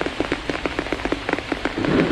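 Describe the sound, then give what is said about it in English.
Rain pours down and patters steadily on a wide, flat plant leaf, many quick drops tapping in an uneven rhythm over a soft, constant wash of rainfall, growing a little denser toward the end. “He can hear it pattering on the leaf above his head.”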